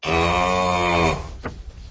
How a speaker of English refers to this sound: Where's that sound come from? Because it sounds a lot. Remember the Playtime barn? And every time you open and closed the barn door, there was the sound of a cow. Which, when you're four, is like the greatest thing that ever happened.